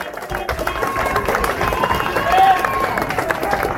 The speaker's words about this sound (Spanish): Bueno, ahí está la gente en el centro, contingente de policías aplaudido por la gente.